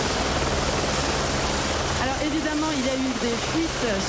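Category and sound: vehicle, helicopter flying overhead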